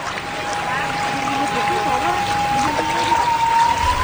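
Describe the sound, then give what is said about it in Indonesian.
Hot spring water from Mount Merapi pours steadily from a spout at a mosque in Nagari Pariangan in a continuous rushing splash, with faint voices murmuring underneath and a thin high whine holding throughout. “Yang semakin membuat masjid ini unik adalah terdapat pancuran air panas langsung dari Gunung Merapi.”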